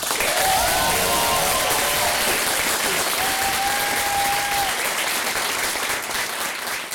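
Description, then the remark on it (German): A crowd applauds loudly and steadily for several seconds for the person who hosted the evening and wrote its texts, a dense wash of clapping with a few faint whoops or whistles rising through it. “Bitte, ich klatsche nochmal riesig in die Hände für die Person, die uns heute durch den Abend geleitet hat.”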